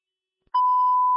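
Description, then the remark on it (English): After a moment of silence, a dispatch timer alert sounds as one steady, loud electronic beep, a clean sustained tone held to the end with no voices. “Have the timer going off for you, or are you still code 4 at 99th Avenue?”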